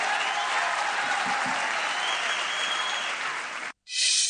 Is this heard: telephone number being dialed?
no